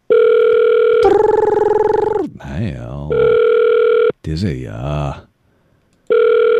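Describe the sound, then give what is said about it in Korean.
A steady electronic ringback tone of an outgoing phone call placed on air to the next person repeats in long sustained bursts, alternating with brief stretches of speech, then pauses in silence before the tone resumes. “어떤 분이 전화를 받으실지요? 들어갑니다. 가고 있습니다.”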